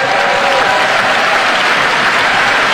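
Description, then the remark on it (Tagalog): Loud, dense applause from a large crowd, including Congressman Joel Villanueva, after President Marcos's statement on the 2026 national budget, a steady wash of many hands clapping at once with no pauses, sustained at an even level throughout. “Grabing palakpak ni Congressman Joel Villanueva, no?”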